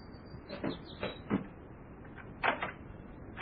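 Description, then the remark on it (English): A door being opened as someone comes to answer it: a series of sharp clicks and soft wooden thumps spread over a few seconds, with no one speaking. “doesn't he answer the door?”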